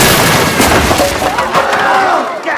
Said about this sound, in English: Fridge explodes, leaving a cloud of smoke behind. Gaping, Spencer looks upward. Fridge crashes through a flimsy roof.